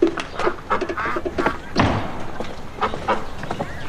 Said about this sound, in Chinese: 哎呀呀呀呀！哎，这是喂鸭子呢。嗯。 嗯，吃饭，过来过来。